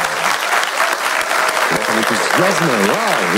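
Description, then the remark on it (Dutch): A live audience at IMEC in Leuven claps steadily during a Radio 1 broadcast, in a dense, continuous burst of applause, with a few voices and whoops rising through the clapping toward the end. “Wij zitten niet in de studio in Brussel, maar wij zitten wel bij IMEC in Leuven met een live publiek. Dat mag zich even laten horen.”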